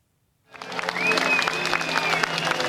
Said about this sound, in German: Unter anhaltendem Beifall trat kurz vor 21 Uhr Ortszeit Alexis Tsipras vor sein Publikum.